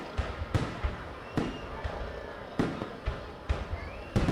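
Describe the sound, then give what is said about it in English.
Firecrackers celebrating Tet, the Lunar New Year (Year of the Monkey), in 1968 in Vietnam, popping in an irregular string of sharp, loud bangs, about ten cracks spread over a few seconds, with a faint crackling background between the bursts. “But the sound of firecrackers celebrating the Year of the Monkey in 1968 was replaced by gunfire and explosions.”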